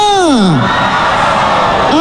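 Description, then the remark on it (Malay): A large concert audience at ITCC Penampang roars and cheers loudly at night, a dense wash of crowd noise with a falling whoop at the start and another rising shout near the end. “kita mau dengar dulu sorakan yang padu daripada penonton-penonton yang hadir di ITCC Penampang pada malam ini.”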